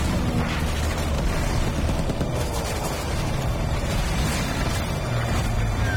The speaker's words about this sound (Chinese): 我刚才打中一架敌机的垂尾了，看，左前方那个，正在冒烟的那个。 是的，已经开始炸碎了。